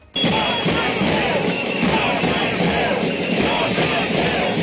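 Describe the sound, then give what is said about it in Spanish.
A large protest crowd of thousands in green T-shirts outside the consellería (regional ministry) chants the slogan "no salseu" in unison, a dense roar of many voices with rhythmic shouted syllables rising and falling, loud and continuous after an abrupt start. “Mientras en el exterior de la consellería, otra vez miles de camisetas verdes y ese grito que escuchas, esa consigna, no salseu.”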